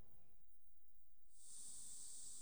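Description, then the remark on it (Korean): Firefighters in wasp protective suits spray insecticide onto bushes while removing a wasp nest in South Korea's Yeongnam region: a steady, bright hissing spray starts partway through and continues to the end, preceded by low rumbling and faint rustling. “말벌 보호복을 입은 소방관들이 수풀에 살충제를 뿌립니다.”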